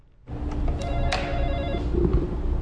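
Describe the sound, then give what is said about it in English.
A school door intercom buzzer at the Norris School Building near the village of Firth in southeastern Nebraska rings out after a brief silence, a steady electronic ringing tone that holds for a couple of seconds at moderate loudness, with no voices. “Buzzing into the Norris School Building near the southeastern Nebraska village of Firth is similar to getting into many schools in 2026.”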